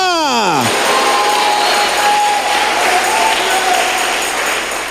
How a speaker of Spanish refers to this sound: Aplauda fuerte y grite ahora. Hermano, le digo que grite. Así ve, ¡aleluya!